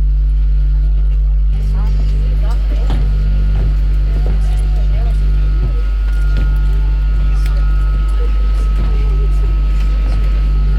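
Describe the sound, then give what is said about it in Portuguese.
A loud, steady airplane engine drone fills the whole stretch, low and constant like a plane idling on the runway at Havana airport, just arrived from Mexico City, with faint murmured voices and small clunks underneath. “No dia em que desapareceu e deixou o marido na pista do aeroporto de Havana, Annie estava mesmo no interior do avião, acabado de chegar da cidade do México.”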